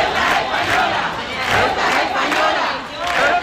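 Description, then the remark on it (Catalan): A large protest crowd in Ceuta chants slogans such as "Ceuta no se vende" and "Ceuta espanyola" in unison, the loud massed voices rising and falling in a steady rhythmic cadence with repeated surges of emphasis. “Alguns dels càntics que més sonaven eren Ceuta no se vende o aquest Ceuta espanyola que sentíem.”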